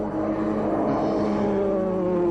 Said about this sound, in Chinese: 不是我吹的，那是鬼子的飞机。 这是个老鹰啊。 这就是飞机呀